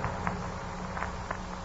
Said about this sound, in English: And there was another sound. A hesitant little footstep. And a rustling at the dresser across the room from me.